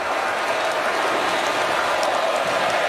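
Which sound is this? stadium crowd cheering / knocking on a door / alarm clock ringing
stadium crowd cheering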